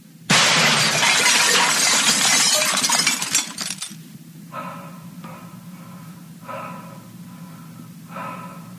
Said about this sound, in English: She must have broken through the bathroom mirror.